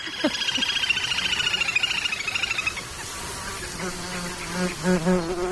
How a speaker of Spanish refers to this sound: Y sobre todo ese zumbido como un poco desquiciante, que son los insectos, los mosquitos.